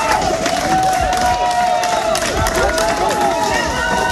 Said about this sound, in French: Des applaudissements nourris devant le palais de justice de Digne-les-Bains. Une vingtaine de militantes sont là, membres du collectif féministe 8 mars toute l'année.